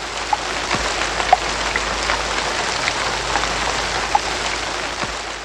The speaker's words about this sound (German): Graue Wolken zogen auf und es regnete tagelang.